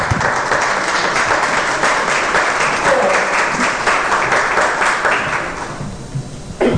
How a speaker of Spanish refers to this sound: ¿Cuántos le dan un aplauso a Jesucristo?